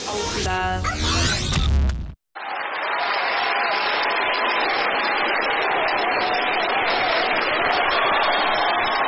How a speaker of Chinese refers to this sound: 感谢朋友们的热情掌声